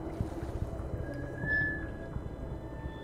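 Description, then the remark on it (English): Water laps steadily against the hull of a drum boat, a continuous low rumble of small irregular knocks and sloshes resonating through the boat, with a thin creaking tone rising briefly midway. No one speaks. “I hear a constant lapping. The sound rumbles through the drum boat.”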